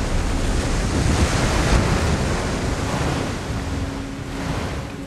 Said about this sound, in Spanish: Temístocles se aleja de Calisto. Su barco surca las olas.